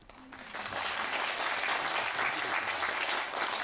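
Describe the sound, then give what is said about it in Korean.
An audience breaks into applause for the Seoul Sori Preservation Society after their performance. The applause swells within half a second, then holds as a dense, steady wash of clapping hands for several seconds, with no voices over it. “멋진 무대를 열어주신 서울 소리 보존회 여러분에게 다시 한번 큰 박수 보내드리겠습니다.”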